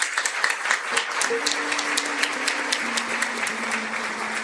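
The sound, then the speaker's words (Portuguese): A sustained, warm round of applause welcoming visitors at an evening church celebration, many hands clapping in a dense, steady patter that holds at an even level throughout, with a faint low tone running underneath. “Também os acolhamos com uma calorosa salva de palmas.”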